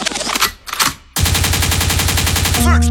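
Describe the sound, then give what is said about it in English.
A loud gunshot sound effect used on a radio station to signal going forward: a couple of sharp blasts, then a rapid, steady burst of automatic gunfire over a deep bass rumble, ending in a ringing swoosh. “Backward means rewind, a gunshot means forward.”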